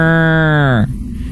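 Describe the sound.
A voice imitates a cow's moo, recreating a sound heard one morning while camping along a river in a cow field in Wisconsin: one loud, sustained low lowing tone held for under a second, sliding downward in pitch before cutting off, with faint background noise after.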